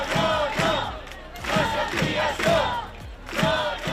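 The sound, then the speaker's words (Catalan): A large crowd of thousands protesting in the Balearic Islands against Aena's plans to increase airport traffic chants in loud unison, voices rising and falling in a steady repeated rhythm of short shouted phrases, with no single speaker standing out. “Milers de persones protesten contra els plans d'Aena que preveuen augmentar el trànsit als aeroports de les Illes.”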